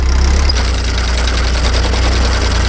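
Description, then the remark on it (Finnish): A tractor engine doing 1990s hay field work and hay raking runs steadily and loudly, a deep throbbing low rumble with a faint mechanical rattle on top, continuous for the whole stretch with no voices. “Ja tähän päälle se traktoriradio soitti niitä 90-luvun iskelmiä, kuten nyt vaikka tuota edellistä kappaletta.”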